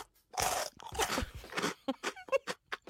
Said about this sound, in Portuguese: Quantas vezes procuras tu o som de mastigar cada vez que fazemos isto? Mas isto era eu mesmo a comer uma bolacha. Eras tu? Era. Mas foi rápido.